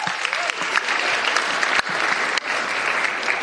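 Steady audience applause fills the whole clip, a dense crackle of many hands clapping at once, loud and sustained with no voices rising above it.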